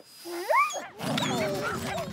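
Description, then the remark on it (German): A dog gives a rising, whining yelp, then a jumble of several dogs, being looked after by a dog sitter, barking and yapping at once, fairly loud. “Habt ihr einen Hund gekauft? Nein, ich bin jetzt Hundesitterin.”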